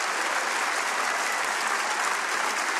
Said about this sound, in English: Clap your hands and praise Him like a maniac. Hallelujah.